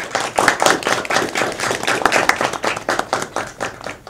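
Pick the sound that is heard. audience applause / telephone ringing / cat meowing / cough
audience applause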